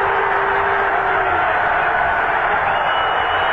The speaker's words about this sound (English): So the crowd, you think they just clinched the pennant. They're cheering here.